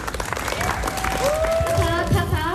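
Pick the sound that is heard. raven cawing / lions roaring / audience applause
audience applause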